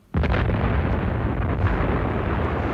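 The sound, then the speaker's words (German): A single loud explosion hits suddenly, then rolls into a heavy, sustained rumble that stays strong and deep without fading for several seconds. No voices are heard. “Es war eine Explosion aus genau der Richtung”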